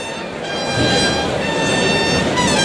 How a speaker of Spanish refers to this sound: Los clarines suenan en la maestranza.